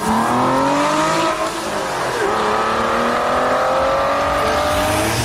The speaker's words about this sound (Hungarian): Amikor meghallják az Aston Martin hangját